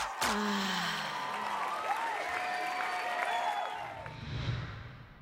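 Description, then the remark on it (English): A crowd bursts into loud, sustained applause and cheering for the announced winner of a competition, with whoops and high shouts rising over dense clapping that fades somewhat toward the end. “Ladies and gentlemen, make some noise for your winner”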